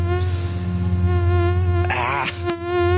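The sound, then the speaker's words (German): A mosquito buzzes loud with a steady, high-pitched whine that holds for the full three seconds, wavering slightly in pitch as it hovers. No one speaks. “Die Mücken sind unterwegs.”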